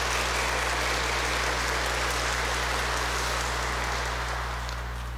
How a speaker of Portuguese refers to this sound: Uma salva de palmas bem forte para os dois.